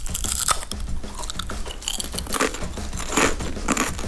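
Loud crunching as someone bites into crispy potato chips, with repeated sharp crackly bites and chewing in an irregular rhythm, no talking.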